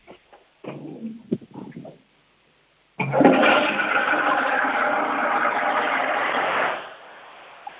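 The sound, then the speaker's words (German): A toilet flushes loudly after a couple of short clunks and handle sounds, the rushing water roaring steadily for about four seconds before cutting off into a quiet trickle. “Ich möchte die Klospülung hören.”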